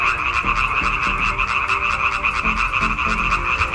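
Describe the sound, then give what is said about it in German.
A dense chorus of male frogs croaking mating calls continuously, many overlapping calls forming a loud, steady pulsing drone with no pauses, no voices present. “Forscher haben jetzt herausgefunden, dass Weibchen aber überfordert sind, wenn sie zu viele Frösche gleichzeitig hören.”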